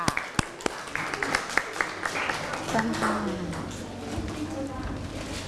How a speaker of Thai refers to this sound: ก็ขอขอบคุณสำหรับการนำเสนอค่ะขอเสียงปรบมือให้เพื่อนหน่อยค่ะ